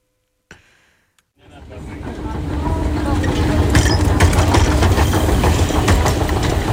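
A metro train rumbles through an underground station in Vienna, starting after a short click and swelling into a steady, loud low roar with scattered metallic clatter and squeaks.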